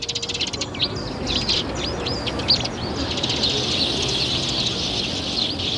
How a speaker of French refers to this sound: Mais c'est fou, ça! On peut jamais boire son café et manger un petit croissant en terrasse sans que tout de suite vous débarquiez, les moineaux!